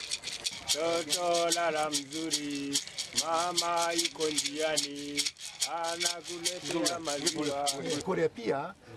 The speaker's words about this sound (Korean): 그런데 그 제가 어렸을 때 어머님께서 잘 자라고 이렇게 그 흔들어주던 그 딸랑이의 모습이 생각이 나서 마치 먼 제 유년 시절의 기억으로 되돌아가는 그 느낌이 들어요.